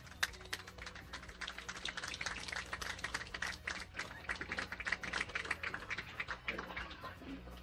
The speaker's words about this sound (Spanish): Bienvenidos, aplausos por favor.